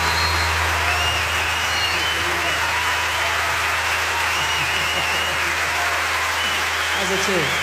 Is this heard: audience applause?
yes